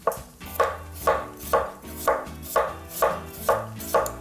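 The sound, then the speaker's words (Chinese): A knife chops potatoes steadily on a cutting board, about eight sharp, even strikes spaced roughly half a second apart, each a crisp thud over a faint low background hum. “对， 好， 我用切的。”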